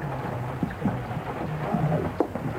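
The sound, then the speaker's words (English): Steady rain hisses continuously, fairly loud, with a low rumbling undertone and a few brief drips or knocks standing out; no one speaks. “I really do think we ought to step away out of the rain.”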